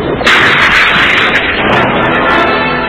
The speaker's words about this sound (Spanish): Los agudos arpones lanzados por aire comprimido pasan rozando peligrosamente el cuerpo de Calimán.